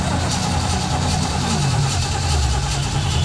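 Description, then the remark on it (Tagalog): A jeepney engine rumbles steadily, then its pitch sags midway as it sputters and loses power, running out of gasoline. “Bago bagalin ko ng pag-gas, wala na ilain gasolina, jeepney.”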